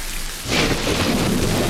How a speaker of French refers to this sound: Vous avez déjà un fond sonore de pluie là, mais c'est pas tout.